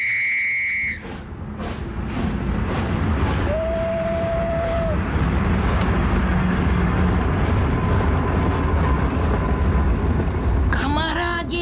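A train rumbles steadily and continuously at a railway station, with a short whistle-like tone sounding partway through, framed by brief bright musical tones at the very start and end.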